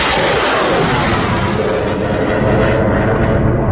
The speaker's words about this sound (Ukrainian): Це день на фронті, який піднімає настрій. У небі наша авіація.